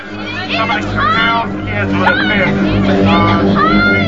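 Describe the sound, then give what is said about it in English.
A dense crowd on a beach murmurs and shouts all at once after a shark is spotted heading into a pond, overlapping voices forming a steady, fairly loud babble with a low rumble underneath, an agitated throng gathered outdoors. “Brody and Ellen make their way through the crowd.”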